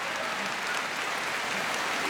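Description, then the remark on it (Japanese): Steady applause from a large sumo arena crowd after a rematch bout in which Tobizaru beat Ura by push-out to go 7-1, a dense wash of clapping with faint murmuring voices underneath, swelling slightly at the very end. “取り直しの相撲に感慨この拍手。”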